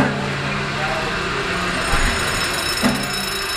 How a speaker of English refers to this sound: Boy, that engine is smooth. I love when that engine takes off.